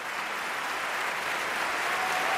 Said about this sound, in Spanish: que levantó al público del Liceu, que aplaudía, como escucháis, con muchas ganas, esta interpretación.